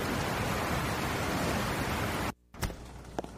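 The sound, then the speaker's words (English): A dense, steady roar of heavy rain in a storm fills the first two seconds or so, then cuts off abruptly, followed by a brief sharp knock and a few faint ticks against a quieter hiss. “I ain't never seen rain fall this hard.”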